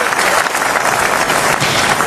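The audience in the Palais du Festival de Cannes gives a standing ovation during the whole of a film's end credits: dense, loud, continuous clapping from a large crowd, steady throughout with no break or individual claps standing out.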